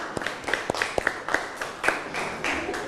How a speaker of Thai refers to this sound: ปรบมือให้กับกลุ่มที่5นะครับเก่งมากนะ